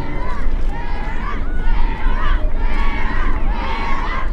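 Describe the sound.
A large crowd of friends, acquaintances and strangers gathered at a dock in Chatham, Massachusetts cheers and shouts continuously to see off a woman setting out to row away, loud, with many raised voices overlapping into a steady roar that swells slightly at moments.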